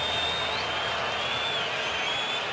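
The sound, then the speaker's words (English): A baseball stadium crowd of over 43,000 on a Thursday afternoon cheers for the Mariners to get out of the top of the eighth inning against the Orioles with their lead intact. The cheering is a steady, unbroken roar of many voices at an even loudness, with no distinct claps or individual shouts standing out. “And they are cheering right now for their Mariners to get out of this top of the eighth with their lead intact.”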